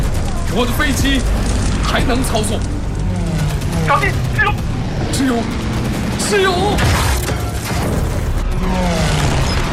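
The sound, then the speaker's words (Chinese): Rapid bursts of machine-gun fire from Cheng Huaimin's fighter plane attacking Japanese fighters, one enemy plane hit, rattle loudly and almost continuously over a low mechanical rumble, while a voice talks over the din. “同时，按下机关枪按钮，一架敌机被击中，空中爆炸。”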